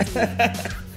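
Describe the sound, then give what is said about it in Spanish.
A couple of quick, harsh coughs in close succession from a person trying to hold back a cough, fairly loud, followed by a brief lingering breathy tail. “Disculpa, quería intentaba esas ocasiones que dices no quiero toser, no quiero toser, y que aprieta fuerte el diafragma, pero no lo logré.”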